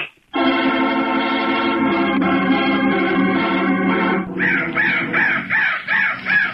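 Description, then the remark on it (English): A crow caws loudly, first one long, harsh, drawn-out call, then a quick rhythmic run of about six shorter caws. No one speaks. “That crow was the bird of death.”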